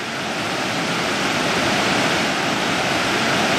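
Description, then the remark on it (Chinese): The Detian Waterfall, a cross-border waterfall at Detian village, Chongzuo, Guangxi, China, heard from nearly its top, roars steadily: a dense, unbroken rush of water with hissing spray across a wide range, loud and constant throughout with no voices. “现在我们就来到了这个德天瀑布的基本上到了最顶端了，上来已经有三四叠了，这整个瀑布大概是个四叠到五叠的。”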